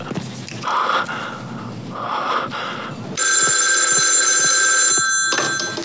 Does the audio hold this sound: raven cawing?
no